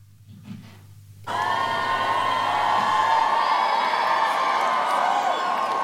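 After a brief quiet moment, a huge crowd at the Glastonbury festival suddenly erupts into loud, sustained cheering and whooping, a dense roar of many voices at a live outdoor concert.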